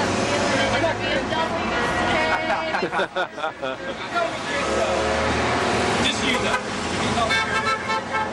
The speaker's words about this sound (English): People honking for bikes now. Even the bus.